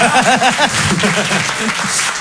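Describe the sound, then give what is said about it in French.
A comedy audience at the Rire et Chanson Comedy Club breaks into loud, steady applause for comedian Guillaume Santou. A dense wash of clapping runs the whole stretch, with rising and falling vocal whoops or cheers mixed in near the start. “C'était Guillaume Santou sur Rire et Chanson, on peut l'applaudir très très fort, bravo Guillaume.”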